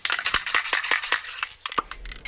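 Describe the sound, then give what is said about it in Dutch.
An aerosol spray can is rattled and worked: a quick, uneven series of sharp, bright clicks and clacks, fairly loud, with no voices. “Ja, dat is natuurlijk een heel herkenbaar geluid. En ik denk dat bijna iedereen ook wel minstens één spuitbus in huis heeft.”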